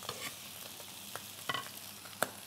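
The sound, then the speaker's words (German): Halloumi sizzles steadily in a frying pan, a dense hiss of crackling fat with a few sharper pops and spits standing out near the close. No one speaks. “Gibt es da einen Garpunkt beim Halloumi, wo der optimal ist? Also die Farbe, klar, hast du schon gesagt, aber wie lange muss der denn so brutzeln?”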